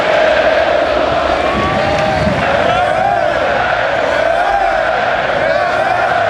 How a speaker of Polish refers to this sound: Z jednej strony owacje, z drugiej łzy wzruszenia.